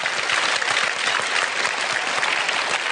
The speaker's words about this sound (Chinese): 感谢大伙儿的掌声鼓励。哎， 谢谢您各位。